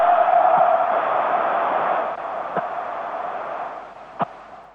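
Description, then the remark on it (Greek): A large stadium crowd at a football match lets out a sustained, droning boo after a flare is lit in the away Borac fans' section; the boo holds steady, then eases slightly. A few faint sharp knocks punctuate the roar. “να πούμε ότι άναψε καπνογόνος στην σειρά των φιλοξενούμενων, στη σειρά των οπαδών της Μπόρατς, και το κάλεσαν κάποιες αποδοκιμασίες.”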